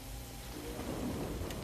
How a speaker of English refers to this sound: I don't know what kind of a storm you're going through, but here's one in the background. And amid the rain and the thunderclaps and the lightning, here comes the piano playing